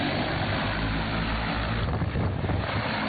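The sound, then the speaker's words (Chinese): A steady, continuous drone of several agricultural spraying drones flying overhead, doing simultaneous crop-protection spraying of wheat at the grain-filling stage in Taishan Town, Jiahuo County, Xinxiang, China: a loud whirring hum mixed with a rushing, wind-like noise, with no voices. “在新乡市嘉霍县泰山镇，多架无人机飞防作业在同步进行，小麦灌浆期最后一遍飞防作业即将完成。”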